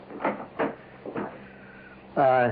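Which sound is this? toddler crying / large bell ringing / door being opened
door being opened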